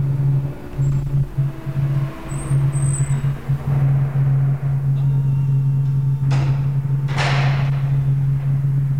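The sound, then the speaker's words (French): The entrance door of a child psychiatrist's practice in the 14th arrondissement of Paris is pushed open after an entry code, over a steady low electrical hum, with faint high squeaks early on and two sharp, brief clunks toward the end as it moves and settles. “Et nous poussons la porte.”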